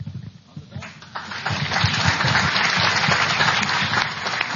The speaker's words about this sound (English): Okay, that's the last time I'm going to allow you to applause. You got it? Some of you don't have it. I can tell already.